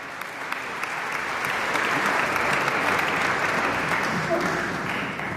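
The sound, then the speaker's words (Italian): Sustained applause from a concert audience for a violin soloist, a dense, steady patter of many hands clapping that swells slightly and holds for several seconds, with no voices standing out above it. “Intanto il violinista continua a prendere gli applausi del pubblico, chissà che non conceda un bis, come spesso capita ai solisti.”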